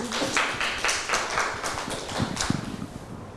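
A short burst of scattered hand claps from a small group, uneven and overlapping at a fairly steady level, with no voices over it.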